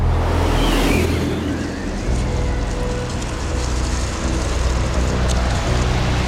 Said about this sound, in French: La première semaine en mer du Bounty est rythmée par la tempête. En cet hiver 1787, des vents violents remontent du golfe de Gascogne et la mer se déchaîne sur la coque du navire.